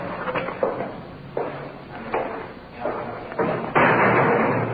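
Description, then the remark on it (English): A big, heavy iron door bangs shut after a run of clanking thuds as officers bring a suspect inside; its loud final slam leaves a rumbling, echoing roar. “Through the big iron door inside.”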